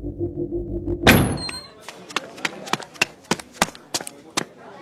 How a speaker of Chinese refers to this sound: 门砰的一声打开